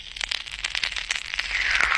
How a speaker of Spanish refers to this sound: Cuyo sonido sonaba, pero es que te metías el caramelo en la boca, he dicho eso, pero es que este era el ruido que hacía el caramelo cuando te lo metías en la boca.